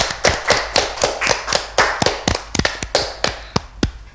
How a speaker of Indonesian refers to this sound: Wah, keren banget ya. Tepuk tangannya dulu dong.